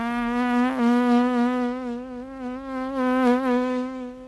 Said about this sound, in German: Das Summen einer Fliege. Eines der Geräusche, die die über 10-minütige Eröffnungssequenz des neuen Westerns von Sergio Leone untermalen.